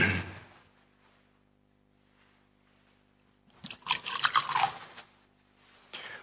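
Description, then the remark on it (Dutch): A short pour of water trickling into a chalice of wine during a liturgical blessing, lasting about a second, followed by a brief splash or drip a moment later. No one speaks. “Water en wijn worden één, gedeeld ons mens zijn en neemt ons op in uw goddelijk leven.”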